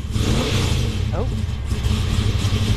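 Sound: car engine revving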